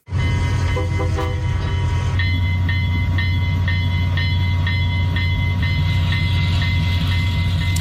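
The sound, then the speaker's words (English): A restored old train of the East End Scenic Rail Tours rumbles along the rails with a heavy, steady low-end roar, loud, while a string of bright, evenly spaced metallic tones rings out over the rolling noise. “A farmer from North Battleford spent the past 13 years buying up old train equipment and restoring it”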